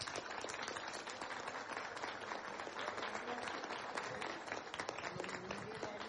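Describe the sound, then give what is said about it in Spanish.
A large crowd applauds steadily, a dense, loud wash of clapping that holds at an even level for the whole stretch, with faint voices mixed in. “Vámonos un gran aplauso a todas y todos los venezolanos.”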